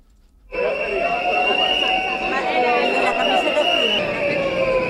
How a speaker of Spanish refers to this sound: es el sonido de los manifestantes. La calle Furela de Oviedo ha estado cortada al tráfico. Entre las pancartas que portaban los mismos se podía leer contrato relevo ya y jubilación anticipada.